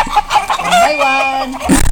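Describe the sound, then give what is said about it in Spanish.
Chickens cluck in short bursts before a rooster lets out one long, drawn-out crow that rises and falls, ending with a flurry of clucking, all fairly loud. “Mirá lo que me han mandado las gallinas acá.”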